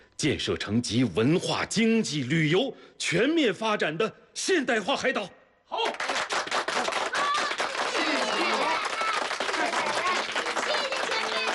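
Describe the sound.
A voice speaks loudly over a microphone for several seconds, then a large audience breaks into warm, sustained applause thanking Dachen Island's pioneer elders, steady and full until the end.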